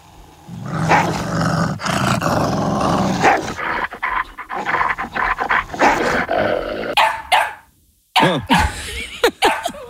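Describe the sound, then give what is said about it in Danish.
A wolf growls loudly and continuously, rumbling for several seconds before breaking into a handful of sharp, defensive barks near the end, with brief pauses between them. “Lad os prøve nummer 2. Fiktiv ulvesituation 2.”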